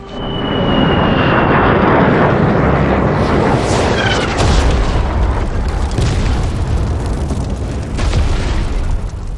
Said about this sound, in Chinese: 竟然肆无忌惮的轰炸我方谈判代表团的驻地。幸亏主席提醒得早，防空安全工作做得不错，才没有造成人员伤亡。